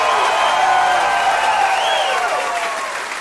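Loud, sustained applause from a crowd, dense clapping mixed with cheers and whistles that stay steady for about three seconds before easing slightly at the end.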